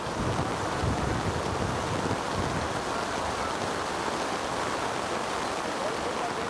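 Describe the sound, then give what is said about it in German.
A fierce hailstorm on a boat's deck after the wind turns: wind roars steadily while hail and spray pelt the deck and waves crash, a loud, dense, unbroken wash of noise. “Statt Kaffee und Kuchen, Hagel und Sturm.”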